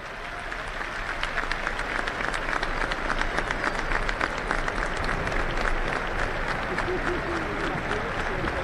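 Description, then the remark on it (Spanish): A large stadium crowd at a Boca football match applauds steadily and continuously during a minute of silence honoring Lionel Messi after his father's death, a dense wash of many hands clapping at once with faint crowd murmur beneath, sustained throughout at an even level. “Momento muy emotivo, la gente aplaudió en el minuto de silencio en homenaje a este jugador que nos ha dado tantas satisfacciones, enormes satisfacciones a lo largo de las últimas dos décadas,”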